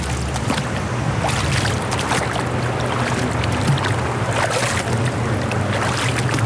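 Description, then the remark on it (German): Water flows steadily at a Kneipp wading pool in Ulm, a continuous, fairly loud rushing wash with a low rumble underneath, unchanging throughout, with no voices. “Es fließt ordentlich.”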